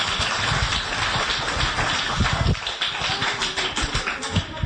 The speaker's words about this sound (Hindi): बहुत बहुत बहुत धन्यवाद तालियों का साथ।